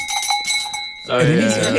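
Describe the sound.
A cowbell is struck several times in quick succession, giving a bright, clanking metallic ring with a steady high tone. Then a man's voice starts talking loudly over the last of the ringing.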